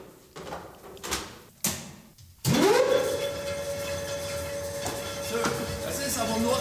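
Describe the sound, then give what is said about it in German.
An old weaving loom, of a type built at Webstuhlbau Karl-Marx-Stadt until 1962, is set going: a few heavy clunks, then a sudden loud start with a rising whine that settles into a steady, continuous mechanical roar and hum. “Wenn hier 76 Stühle gelaufen sind, wie es normal war, da hat das ja ganz schön gerattert.”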